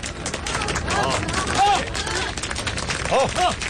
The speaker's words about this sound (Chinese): 鼓掌欢迎。